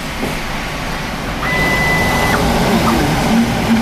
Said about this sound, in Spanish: vamos a acercarnos a la impresora.